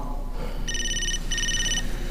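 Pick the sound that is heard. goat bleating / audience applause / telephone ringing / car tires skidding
telephone ringing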